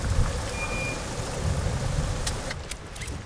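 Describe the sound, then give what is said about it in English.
A taxi's engine rumbles low and steady beneath a constant hiss of heavy rain, with a faint, brief high tone early on as it idles to a stop outside a house. “The rain is still tipping down as a taxi pulls up outside Annie's house.”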